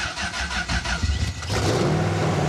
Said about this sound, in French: Donc là en fait il faut d'abord mettre le contact, il n'y a pas de clé, d'accord. C'est simplement le bouton ici là. Ok. Donc la pompe à essence va se lancer. Ouais. Point mort et le bouton du démarrage, démarreur est ici. Faut accélérer un peu.